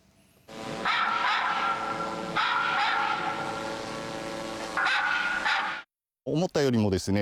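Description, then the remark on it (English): Loud, dense recorded dog barking blares from a speaker on a drone used to repel wild animals, harsh and continuous over a steady mechanical hum, echoing across the mountains, then cuts off and a person briefly speaks. “Loud noises, such as dogs barking, were projected from the drone.”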